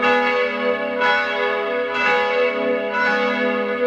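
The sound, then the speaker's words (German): Midday church bells from a church in Salzburg ring in a steady rhythm, a fresh strike roughly every second over a continuous, rich hum of overlapping tones. Loud and resonant, no voices. “Das hier sind die Mittagsglocken von heute.”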